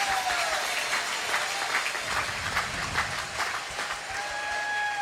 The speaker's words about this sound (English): And Reese getting a standing ovation from the crowd here in his final game at Duty Noble.